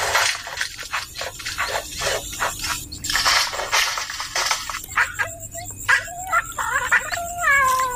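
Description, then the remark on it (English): A bowerbird in a river red gum imitates a cat's meow, giving drawn-out, wavering cat-like calls among clicks and scratchy chatter, clear with no talking. “Not only did our bow bird mimic cats, but what can only be described as someone messing around in the men's shed.”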